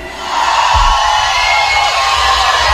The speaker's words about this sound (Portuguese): Cadê o grito dos solteiros hoje aqui?